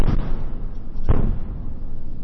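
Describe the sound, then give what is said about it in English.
Two heavy explosions from a Russian missile and drone attack on Kyiv, Ukraine, boom about a second apart, each a deep low thud that rumbles out over a constant hiss of background noise. No one speaks. “We heard these explosions for hours near NPR's bureau in Kyiv.”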